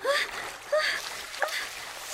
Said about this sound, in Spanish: Justo entonces se escuchó un chapoteo en la alberca, cerca de donde ella estaba, y nadó hacia el ruido para saber qué ocurría. Primero pensó que se trataba de una morsa o un hipopótamo.